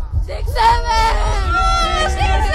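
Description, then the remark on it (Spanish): A crowd of schoolchildren at a Radio Disney event at Colegio La Salle de Seglares shouts together in one loud, sustained group yell, many high voices overlapping at different pitches for a couple of seconds over a rumbling background. “Chicos, vamos a echar un grito, adelante.”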